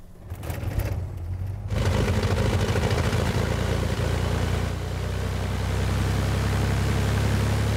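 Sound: car driving up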